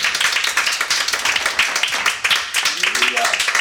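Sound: audience clapping hands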